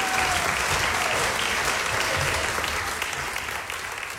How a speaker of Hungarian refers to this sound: Kérek egy nagy tapsot nekik.